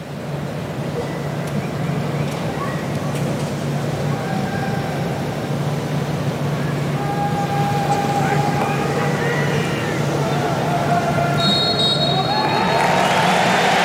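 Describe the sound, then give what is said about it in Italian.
A dense stadium crowd in Dallas roars and applauds steadily throughout, ending a minute of silence for the victims of the 14 July 2016 attack. A sharp referee's whistle cuts through the din before the cheering swells louder near the end, as the France-Spain match is about to start. “Fischio del direttore di gara, l'applauso con il quale si scioglie lo stadio e tutto è pronto per il via di Francia-Spagna.”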